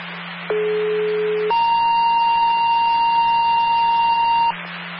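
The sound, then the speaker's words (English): A fire department dispatch alert tone for Ludlow Fire, sent out for a fire alarm call, over a hissing, humming radio channel: a steady low tone for about a second, then a longer, higher steady tone for three seconds, loud and clear. “Fire, stand by for a tone.”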